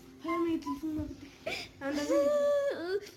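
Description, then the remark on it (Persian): A girl in Afghanistan, deprived of education, sobs and whimpers, her voice wavering and catching in short, broken bursts with a sharp breathy gasp in the middle, like crying while trying to speak. “با گریه میکنی؟”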